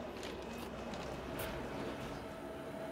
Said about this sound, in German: Kurz oberhalb von Zermatt überquert unser Zug das Findelbach-Viadukt. Es überbrückt den Findelbach 90 Meter darunter. Und hier wird deutlich, es geht steil hinauf mit bis zu 20%.